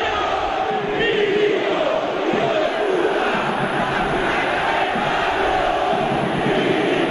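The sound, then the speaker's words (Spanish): After a football match won by Belgrano, a large stadium crowd chants and shouts insults at the club president, Milito, in a loud, continuous roar that holds steady for the whole stretch. About 20,000 of the 40,000 present are insulting him, and no individual words stand out from the mass of voices. “Acá no es la gente que grita contra la comisión.”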